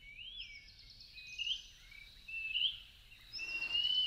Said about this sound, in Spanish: Es el papamoscas José María, también conocido como Pibí tengo frío, nombre científico Contopus pertinax. Su canto es tan característico y pertinaz que muchas personas creen escuchar con toda claridad un insistente José María, José María, José María